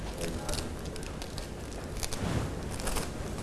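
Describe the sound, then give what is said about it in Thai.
Paper crumpled by hand to make fish scales for a craft, a continuous dry crackling and rustling with quick sharp crinkles throughout, at a steady moderate level with no one speaking. “แบบนี้นะคะเด็กๆค่อยๆใช้มือขยำกระดาษของเราแบบนี้ค่ะและเมื่อเด็กๆขยำเสร็จแล้วให้เด็กๆนำมาใส่ไว้ในตะกร้าค่ะ”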